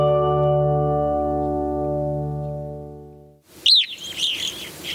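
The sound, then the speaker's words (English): A sustained harmonic musical drone fades out, then a few loud, clear evening grosbeak calls ring out as short, piercing downward-slurred chirps, with softer calls trailing after. “This evening grosbeak is one of many birds drawn to feeders kept stocked by an estimated 65 million Americans.”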